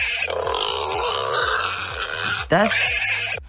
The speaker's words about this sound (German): Das ist... Das ist ein Wildschwein, oder? Ein größeres, ja.